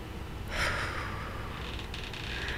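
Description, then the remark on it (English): A single audible breath during a guided breathing exercise: a sharp inhale through the nose early on, followed by a softer, drawn-out airy exhale through the mouth. Quiet overall, with no talking. “So today we are going to slow down together, taking a deep breath in through the nose, filling the belly, the ribs, the chest, and then exhaling slowly through the mouth.”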